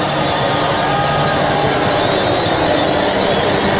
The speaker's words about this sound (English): So Chiefs hell-bent on bringing the bells, which have, of course, become the soundtrack of Waikato rugby. And just listen to the cowbells start to ring.